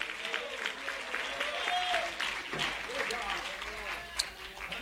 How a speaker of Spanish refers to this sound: Fuerte ese aplauso a nuestro Dios en esta hora. Aleluya, gloria a Dios.